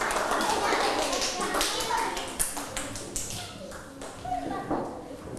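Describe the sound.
A group of children clap their hands in a burst of scattered, overlapping applause that fills the room, with kids' voices chattering faintly underneath.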